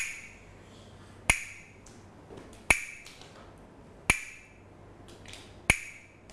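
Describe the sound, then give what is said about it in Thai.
A Thai wooden hand clapper, played by a teacher as a rhythm signal for children's morning exercise, strikes four sharp, bright clacks at a steady, unhurried pace, each with a brief ringing decay, standing alone with no voices. “นำเครื่องดนตรีอะไรมาคะกลับมือนั่นเองค่ะ”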